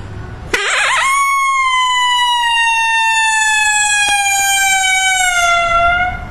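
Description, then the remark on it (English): A person imitates a coyote howl: a brief wavering rise as a lonesome howl, then one long, loud, steady howl held for several seconds, slowly sinking in pitch before trailing off. No talking. “And I'll do a lonesome howl here, and then like a long howl.”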